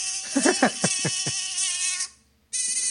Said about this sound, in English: What is that? Sorry, it was a mosquito in the studio.